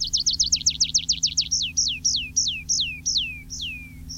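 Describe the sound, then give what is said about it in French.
Tree pipit song: a quick run of sharp, repeated high chirps that slows into longer, drawn-out notes sliding downward, sung alone over a low, steady background rumble. “Le pipit des arbres.”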